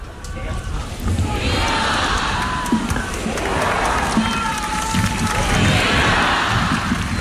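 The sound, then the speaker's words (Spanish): A large crowd cheers and shouts vivas to Pope Leo XIV in unison at the closing Mass at the port of Santa Cruz de Tenerife, many voices rising in repeated chant-like calls over a steady, loud roar that continues through the whole stretch. “León XIV cerrando esta última misa, recibiendo esos vivas.”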